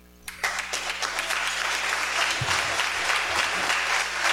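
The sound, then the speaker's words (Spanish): An audience breaks into applause at a community novena celebration for the patroness, the Virgen del Carmen. It is a dense, steady clatter of many hands clapping that starts abruptly and holds at a strong level, with no voices. “Queremos agradecer a la familia que recibió y acogió a nuestra patrona, la Virgen del Carmen, para el cual pedimos un fuerte aplauso.”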